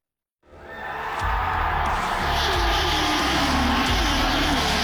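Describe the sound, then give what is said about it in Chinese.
A loud, continuous roar of engines and a dense crowd din swells in after a brief silence and holds steady, with rising and falling tones as two race cars speed toward the finish line amid cheering. “观众朋友们，现在两辆车的差距正在逐渐缩小，比赛进入到白热化阶段，最后一个弯道后车能否实现逆袭，前方就是终点线，成功了！”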